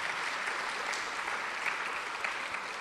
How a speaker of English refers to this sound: All right, round of applause for Philippa.